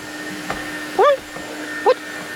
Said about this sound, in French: Il sort l'aspirateur du placard et il commence à passer l'aspirateur avec ses petites pattes musclées.